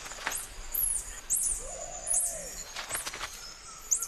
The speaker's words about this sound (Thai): ลิงแก่ทั้งตัวผู้และตัวเมียต่างพากันร้องเสียงแหลมออกมาเสียงร้องนี้เป็นการเรียกให้ตัวที่หลงฝูงกลับบ้านและนี่เองคือสายสัมพันธ์ที่พวกมันสร้างขึ้นมา